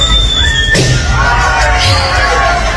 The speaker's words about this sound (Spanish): Una persona silbando y otra explotando un globo con un alfiler, ¿no?